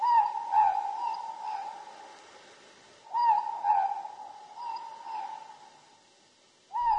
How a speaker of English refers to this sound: The Ruru, the Morpork.